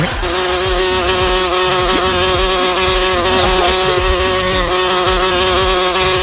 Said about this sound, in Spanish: Estamos Bonco y yo sin bañarnos y llegó la mosca aquí.